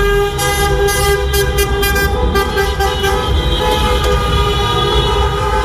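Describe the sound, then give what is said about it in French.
Many car horns honk loudly and continuously in the streets of Reims, France, at night, celebrating the French football team reaching the World Cup semi-finals, overlapping into a steady blaring chorus with a few short bursts on top, over the rumble of street traffic. “Des klaxons de joie pour célébrer les Bleus et leur ticket décroché pour les demi-finales de la Coupe du Monde de foot.”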